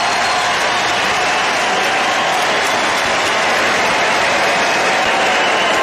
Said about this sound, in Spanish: Al tomar su primer turno al bate, en la tercera entrada, los más de 40.000 aficionados en el estadio se pusieron de pie para ofrecerle una ovación.